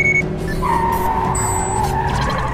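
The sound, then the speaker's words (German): A Jeep's engine roars steadily during a chase while its tires skid and squeal in a long, wavering screech, loud, with no voices over it. “Das hier ist kein Rennwagen.”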